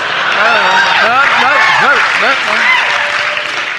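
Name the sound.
audience applause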